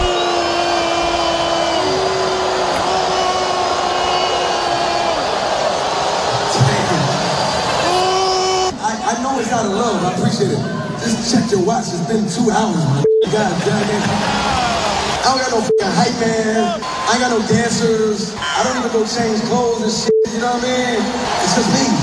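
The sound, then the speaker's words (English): A large concert crowd in Brooklyn boos in a loud, sustained, low-pitched drone of many voices after the performer says he has two songs left, shifting after several seconds into a rougher, noisier roar of crowd sound that continues to the end. “He got booed because he said he got two songs left.”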